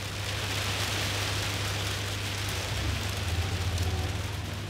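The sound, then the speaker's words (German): Steady rain patters on a hard surface, a dense, continuous hiss of drops with a low hum underneath, constant throughout with no voices. “Und bei Regen erst recht nicht.”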